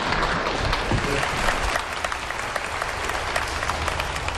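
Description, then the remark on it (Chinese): An audience at a crosstalk (xiangsheng) comedy show applauds steadily, a dense wash of many hands clapping at once with no break, holding a loud, even level throughout. “谢谢，谢谢大家的掌声。”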